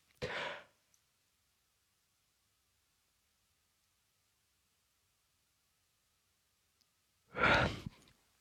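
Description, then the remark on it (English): A long yawn of about six seconds: a short breathy intake, then a long silent stretch, then a loud, drawn-out sighing exhale. No one talks. “I think we were all yawning trying to work out just how long a yawn actually was, because apparently the average yawn is 6 seconds.”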